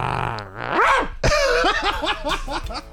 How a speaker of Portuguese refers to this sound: Cachorrão.